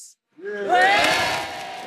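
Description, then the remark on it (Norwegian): The villagers of Piddington, in Britain, roar together in one swelling shout, rising sharply after a brief silence and holding loud and raw before tapering slightly at the end. “Før jeg går, vil jeg bare si, vi er Piddington, landsbyen som brøler.”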